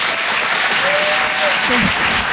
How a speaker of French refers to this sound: Vous écoutez la radio digitale Rire et Chanson Comedy Club. Je vous demande un tonnerre d'applaudissements là aussi